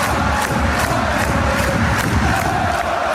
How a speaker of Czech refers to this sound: Umí vytvořit při domácích zápasech v aréně pro 13 600 diváků fanoušci Mannheimu opravdu bouřlivou kulisu.